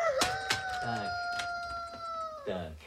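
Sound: rooster crowing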